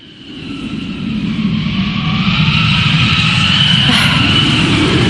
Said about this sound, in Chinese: 又刮大风了，这今天咋了？大风天气这么多。